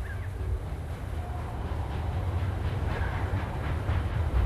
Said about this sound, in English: Far below, she sees the train puffing up the mountain, coming for her.